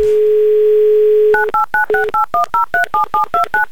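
A steady dial tone hums alone, then cuts to a quick run of about twelve short, evenly spaced touch-tone beeps, each a two-note chirp as a phone number is keyed in.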